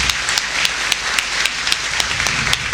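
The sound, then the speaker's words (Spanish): Steady audience applause, a dense wash of many hands clapping at a fairly even level, with sharper individual claps popping out in a loose rhythm throughout. No voices are heard. “así que démosle un aplauso también a ellos, que ya se han embarcado.”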